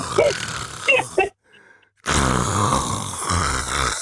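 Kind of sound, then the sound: vocal imitation, voice imitating a snore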